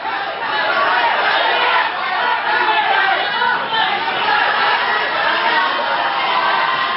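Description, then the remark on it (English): A large crowd in Indonesia chants and shouts together as Dadan Hendayana, former head of the National Nutrition Agency, is escorted from the Attorney General's office in handcuffs. It is a loud, dense wall of many voices that keeps up steadily for the whole stretch, with slight surges in intensity. “Crowds chanted as Dadan Hendayana was escorted from the Attorney General's office in handcuffs.”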